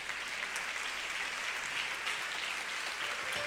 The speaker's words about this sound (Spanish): Denle ese aplauso al Señor Jesús.